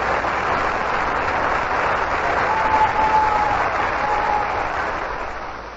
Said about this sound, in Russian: Овация зрительного зала.